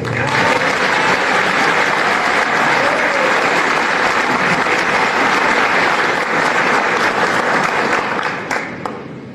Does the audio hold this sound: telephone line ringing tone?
no